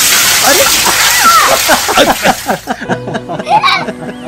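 During the Sangken festival, someone dumps a bucket of water over people: a loud rush of splashing water all at once fills the first few seconds, then gives way to people laughing and squealing.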